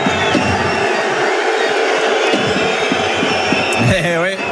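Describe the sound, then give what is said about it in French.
A large crowd at the Arena Comet roars and applauds steadily, a dense wash of cheering and clapping that stays loud throughout, with a few whoops rising out near the end. “applaudi chaleureusement par ses partenaires, par l'Arena Comet.”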